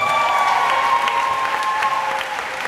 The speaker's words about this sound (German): Der Titel ihres Romans wird von dem Jubel der Anwesenden verschluckt.